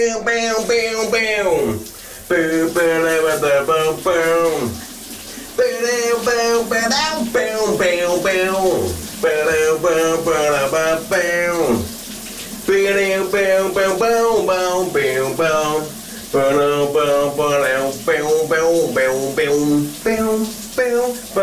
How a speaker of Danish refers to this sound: vores gode kollega her på Via Lære, skråle i sit bad.